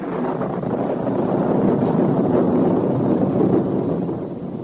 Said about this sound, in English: Look at that rain bouncing off the pavement. It's like a monsoon. Look at it. I wouldn't like to be out in that.